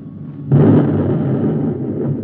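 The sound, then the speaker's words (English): The number one guided missile, fired with an automatic target selector, explodes on its target, a robot: one abrupt, loud blast breaks in after a brief low hum, then settles into a heavy, rumbling roar that carries on without fading. “Number one missile fired, sir.”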